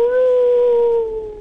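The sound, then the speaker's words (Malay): A person imitates a wolf howl with one sustained, wavering tone that slides slowly downward and fades at the end. The voice is loud. “Oh, macam tu bunyi serigala eh?”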